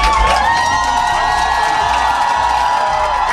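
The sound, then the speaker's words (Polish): A large crowd of fans at Chopin Airport in Warsaw cheers and shouts continuously, welcoming Poland's volleyball players, European Championship gold medalists returning from Milan, a dense, loud wall of excited voices and whoops with no pause. “Tłumy kibiców przywitały naszych siatkarzy na lotnisku Chopina w Warszawie.”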